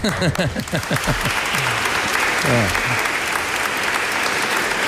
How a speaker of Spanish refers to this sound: Así que un aplauso para él.